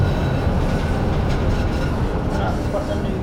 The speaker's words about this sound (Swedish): Han vill lyssna på hur det låter i vändslingan. Nu åker vi in i slingan här. Jag gillar när vagnarna gnisslar så att jag vill lyssna lite på det också. Men den här gnisslar inte så mycket.